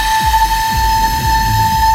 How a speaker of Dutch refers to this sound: Misschien is het wel leuk om even te laten horen hoe die eeuwenoude fluit dan klinkt. Want uiteindelijk kwam dit er dan uit.